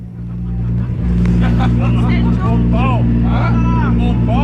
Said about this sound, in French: Quatre heures 33 au quai de l'étang du Nord, les bateaux ronronnent, le temps est doux, les enfants ont les yeux collés. Le départ approche.